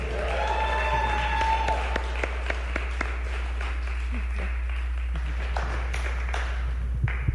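An audience applauds steadily for several seconds for a singer and a musician after a live music session on Sesiones 95.7, a dense patter of many hands clapping with a few sharper individual claps, over a constant low hum and a brief tonal whine at the start.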